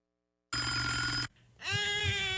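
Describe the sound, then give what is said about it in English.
A telephone rings loudly, two bright, buzzy bursts separated by a short pause, with no one speaking. “Where's my phone?”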